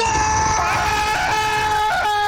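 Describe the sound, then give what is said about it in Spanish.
A person imitates the long, shrill scream of someone stepping into an ice-cold shower at 5 a.m., held loud and steady for about two seconds with a slight wavering pitch and no other talk over it. “ingresa a la ducha y en la tranquilidad de la madrugada, los vecinos de ese individuo van a escuchar un grito así como...”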